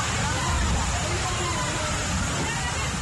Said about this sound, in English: This is the moment school children make frantic effort to escape the rains that are making their way into their classroom. It is an amateur video taken by a teacher of school children in Akitachi, a small village in the Ahanta West municipality